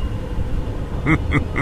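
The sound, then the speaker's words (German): A deep, steady rumble of thunder rolls on without any voices, swelling into three quick, brighter bursts that pulse in a loose rhythm near the end. “Ein undefinierbares Donnergrollen erschallte.”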